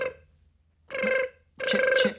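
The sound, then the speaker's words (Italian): A telephone rings with a call from the Science Museum on the Rai Radio Kids program Big Bang, in short repeated electronic bursts, three in quick succession with brief gaps, bright and buzzy with a steady pitch. No one speaks. “C'è una chiamata.”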